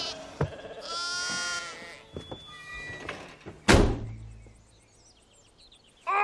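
Sheep bleat in wavering, harmonic cries close by, with a sharp thud partway through and softer shuffling noises around them.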